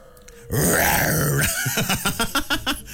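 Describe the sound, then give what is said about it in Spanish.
A tiger roars in one long, deep, rasping bellow that swells loudly and then breaks into a series of shorter huffing grunts as it fades. “Y su rugido, mira, va a rugir”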